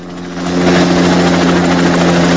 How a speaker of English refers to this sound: A helicopter with a spotlight whirs towards the beach, coming in for a landing. Mac and Gordon nibble on their oranges while the chopper sets down.